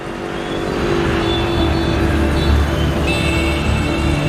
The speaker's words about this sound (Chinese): 清晨六点半，车流不息，三万产业工人汇聚西港特区。西港特区是中国和柬埔寨共同建设的国家级经贸合作区，也是柬埔寨国内最大的现代工业园区。